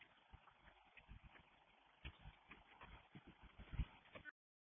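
A neighbor's dog in the house next door barks and yips repeatedly in quick, uneven bursts, sounding thin and muffled as if heard over a radio or phone line, with no talking.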